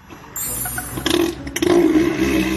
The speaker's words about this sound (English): the 2,200-pound elephant seal, throwing his weight around and returning to the place he would probably call